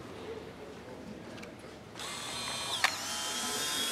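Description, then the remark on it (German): A single sharp camera shutter click sounds partway through as a photo is taken of a man's face, over a steady background hiss that grows slightly louder just before it. Nobody speaks. “Darf ich ein Foto von Ihnen machen?”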